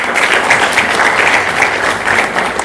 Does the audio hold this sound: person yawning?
no